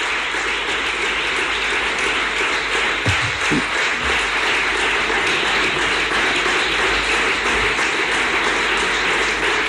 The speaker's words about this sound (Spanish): El aplauso más largo hasta ahora a Juanma Moreno en referencia a esa ley de garantía de sanidad pública que ha ofertado en este programa de gobierno que está presentando en el Parlamento andaluz cuando son las 12:44.